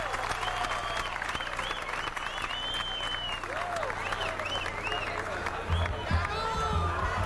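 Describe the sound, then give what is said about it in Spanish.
Sustained audience applause fills the whole stretch, a dense steady roar of many hands clapping, with scattered cheers and whoops rising above it. “Gracias por esos aplausos inmensos, que no me los merezco.”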